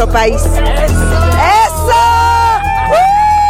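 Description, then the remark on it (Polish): A loud crowd of Mexican football fans, supporting Mexico's national team at the opening match, cheers and whoops continuously, with high shrill shouts and rising yells over a dense roar of voices. “Atmosfera, jak słychać, gorąca.”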